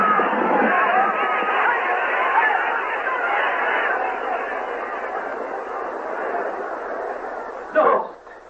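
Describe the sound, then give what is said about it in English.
A large crowd in a square roars and shouts in fury as a cart draws near, a dense, continuous wall of agitated voices, loud, fading slightly before a sharp burst near the end. “The crowd cried out in fury.”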